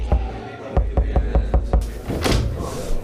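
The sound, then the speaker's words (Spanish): Several sharp knocks rap on a door, a single knock followed by a quick run of about six in an uneven rhythm, then a brief rustling clatter as the knocking stops. “Vamos a tocarle la puerta a Enrique.”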